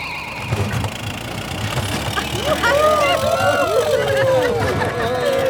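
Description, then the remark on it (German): An engine roars up as a flying car with extended wings takes off, its rumble swelling as rising, whistling whine tones sweep upward over the second half; faint murmur sits underneath. “Es ist jedes Mal ein Erlebnis, wenn euer Auto abhebt und fliegt.”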